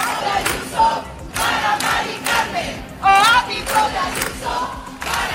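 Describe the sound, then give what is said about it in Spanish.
A large crowd at a housing protest in the Toural, Santiago, chants the slogan "el ático de Ayuso, para Mari Carmen" in unison, voices rising and falling in rhythmic bursts roughly every second, loud and steady with harmonic shouting throughout. “También aquí en la ciudad se ha escuchado ese cántico, el ático de Ayuso, para Mari Carmen, concentración en el Toural para reclamar políticas que permitan un acceso a una vivienda digna.”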